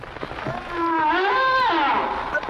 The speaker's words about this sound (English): Okay, Angie, now it is a whale. Sonia was right, but it's not a yak. But it does rhyme with yak.